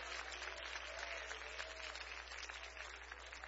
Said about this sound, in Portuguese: Aplauso para Cristo. Pode louvar o nome dele.